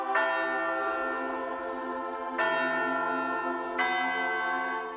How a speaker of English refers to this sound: Through every chapter of that journey, the sound of church bells could be heard across this great land.